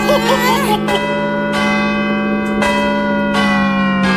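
Loud bells ring out repeatedly, with fresh strikes roughly every second layered over a sustained, shimmering hum of overlapping tones, bright, with no voices.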